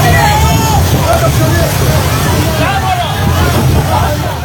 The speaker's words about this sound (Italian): Quello che state ascoltando è il sonoro di un video ricondiviso dalla flottiglia e mostra alcune persone che tentano di recuperare i pannelli solari della barca, fondamentali nella striscia per la carenza di carburante.